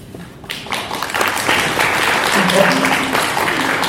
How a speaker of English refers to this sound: So I think that deserves a clap.